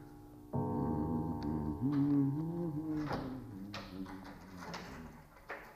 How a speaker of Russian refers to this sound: Горничная Настя открывает дверь